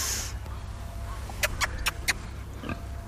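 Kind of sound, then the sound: animal, pigs grunting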